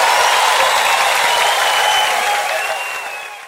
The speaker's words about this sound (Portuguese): Aplausos lindos pra essas meninas.